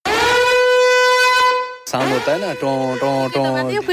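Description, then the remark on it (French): A harsh, steady emergency alert tone blares loudly from phones for almost two seconds, rich and buzzy, during a nationwide real-conditions test of an emergency alert sent to phones by radio waves, without internet or SMS, then cuts off as a person starts speaking. “Leurs téléphones se sont mis à hurler. J'ai cru entendre une ambulance. Ça faisait toun, toun, toun.”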